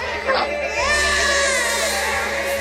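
A newborn baby cries in a sustained, wavering wail that rises in pitch and holds steady, loud, with no other sounds around it.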